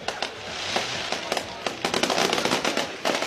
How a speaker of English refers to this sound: I was going to celebrate with a little bit of fireworks. Man, they're still going. Wow. I mean, this is a full-on show.